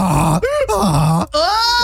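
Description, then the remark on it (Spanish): A person imitates a donkey's bray with loud, voiced hee-haw cycles, the pitch swinging between low groaning tones and higher strained honks across several bursts with brief breaks. “That is a really good burro, prima, vale.”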